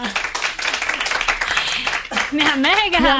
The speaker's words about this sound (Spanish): Un aplauso para ella.